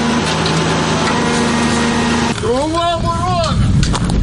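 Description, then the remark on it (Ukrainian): A steady engine-like drone gives way to a loud, high-pitched buzzing whine that rises and falls in pitch as an FPV drone sweeps overhead. “І вже за мить над головами дзищання летить у впіві.”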